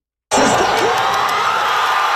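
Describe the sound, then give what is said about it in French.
Canadian soccer fans in Toronto watching the men's World Cup match erupt in loud, sustained cheering at the final whistle as Canada beats South Africa 1-0 to reach the round of 16, a dense roar of crowd voices with shouts and whoops that starts abruptly after a brief silence and holds steady. “Explosion de joie. Au coup de sifflet final, le Canada s'est qualifié pour la première fois de son histoire en 8e de finale de la Coupe du Monde.”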